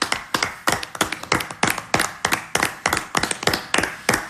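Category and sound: crowd, clapping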